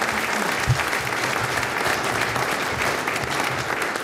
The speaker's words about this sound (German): Der Applaus gehört jetzt dir